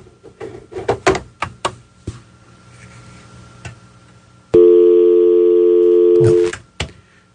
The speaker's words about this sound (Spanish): Espérenme un segundito, que alguien está llamando por teléfono, no sé si es... déjenme ver.